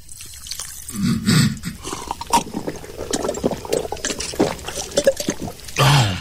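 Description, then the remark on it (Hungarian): Sugar water is poured into a glass, a splashing, gurgling stream that runs in short bursts for several seconds, with no voices over it. “Adjál cukrot és vizet.”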